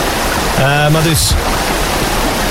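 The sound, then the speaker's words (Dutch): A river flows with a steady rushing hiss that fills the whole moment, while a voice briefly sounds over the water partway through. “Dus de rivier, de stromende rivier, is eigenlijk, maar probeer te volgen, hè, een metafoor voor het verlangen.”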